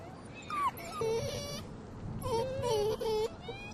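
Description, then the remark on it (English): Two month-old wolf cubs, brought back from a wolf cave by a shepherd at a summer pasture, whimper in two bursts of high, wavering whines that rise and fall in pitch, with short squeaky cries over a low background rumble. “He chanced upon a wolf cave and brought back two wolf cubs.”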